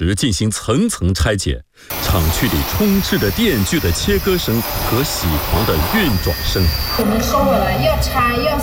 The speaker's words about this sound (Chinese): 工人们在忙碌地对电池进行层层拆解，厂区里充斥着电锯的切割声和铣黄的运转声。